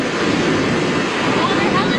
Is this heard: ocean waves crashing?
yes